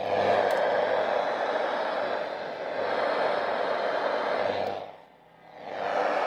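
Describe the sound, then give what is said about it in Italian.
Interference picked up by a shortwave radio receiver held up to a computer: dense, steady static hiss with faint buzzing undertones, dropping out briefly near the end before surging back at full strength. “Un'altra cosa interessante è che se io avvicino un ricevitore sulle onde corte a un computer, succede questo.”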